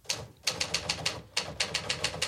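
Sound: typewriter typing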